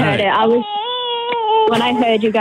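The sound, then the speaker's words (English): A young girl, the speaker's daughter, cries loudly at home: choppy, sobbing bursts at the start, then a long, sustained high-pitched wail that breaks back into uneven sobs at the end. “Yeah, sorry, it's my daughter and I'm the only one home.”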